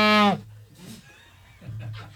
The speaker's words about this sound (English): It sounds like a dying cow. Whose cup has a whistle on it? Mine.